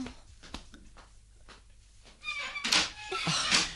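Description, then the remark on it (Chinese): A quiet stretch with a few soft knocks and clicks gives way to a louder burst of rattling and creaking, like a latch turning and a door swinging open as someone goes to answer a caller. “等我去开门先啦。”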